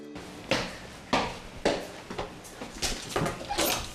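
The door of company-provided lodging being opened, with a run of sharp clattering knocks and rattles roughly every half second, getting busier toward the end.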